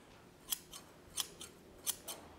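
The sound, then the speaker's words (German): Newly forged and riveted metal shears at a scythe smithy open and close, making three pairs of crisp metallic snips at an even pace against a quiet background, with no one talking. “Haben wir eine Schere.”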